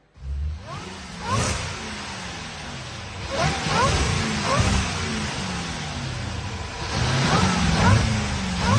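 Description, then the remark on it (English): A car engine revs up repeatedly on a car dealer's sales floor, its pitch climbing and falling in several loud surges with a throaty growl and echo. “Plus, I played you a revving car from the We Buy Cars floor.”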